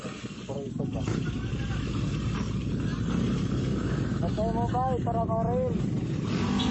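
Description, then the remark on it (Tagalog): Dense, constant traffic roar from a busy street, with motorcycle engines droning and a couple of engines revving up and pulling past. “So maon ni, medyo busy kayo ang kasada, diha? Daga mga motor.”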